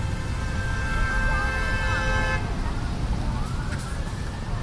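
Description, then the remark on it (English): Loud, steady New York city street traffic rumbles throughout on streets still wet just after rain; a sustained horn-like tone holds for about two seconds, then a siren begins rising over the dense roar. “It's loud here, isn't it?”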